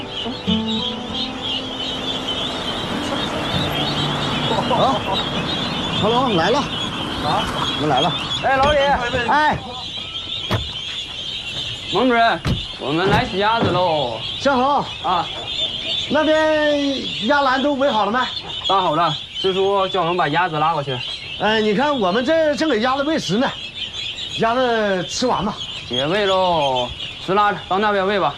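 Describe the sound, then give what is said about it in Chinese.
Ducks quack loudly and repeatedly, a busy overlapping stream of calls over a steady background hiss, with people's voices mixed in now and then, as the ducks are handled, put into baskets and loaded onto a truck. “好，趴下好啊，一直在叫。”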